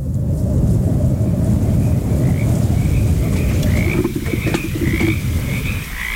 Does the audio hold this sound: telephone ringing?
no